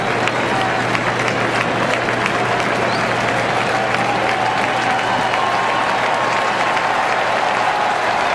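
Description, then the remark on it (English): A sellout crowd at a baseball ballpark roars and applauds steadily for several seconds, cheering on a pitcher: a dense, continuous wash of cheering with faint whistles and a low steady hum beneath it. “The sellout crowd coming to the aid of Henderson, cheering him on.”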